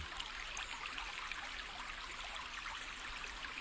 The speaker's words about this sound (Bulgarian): Всички разбраха, че сме на брега на една река, ама то реки у нас много. И си тъкат пущините, понякога тихо и кротко, понякога сърдито бучат и заливат бреговете и близките къщи.